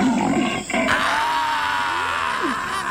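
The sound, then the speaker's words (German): A loud, rough roar like a sabre-toothed tiger, mixed with deep grunts and growls, as an Australopithecus tries to kill it with a sharpened stick. The snarling runs continuously for about three seconds, with wavering, sliding tones throughout. “Außerdem entwickelt er die erste Waffe, ein angespitztes Stöckchen, und versucht damit, einen Säbelzahntiger zu erlegen.”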